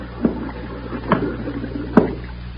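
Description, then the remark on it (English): Air bubbles rise through water in three soft, separate bloops, spaced about a second apart, over a low steady hum. “Them bubbles. Them air bubbles. Can't you hear?”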